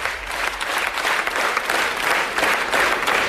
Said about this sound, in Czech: Tohle představení se ale dohrálo bez nucené přestávky. Byl potlesk ve stoje, květiny a děkovačka. Diváci odcházeli spokojení.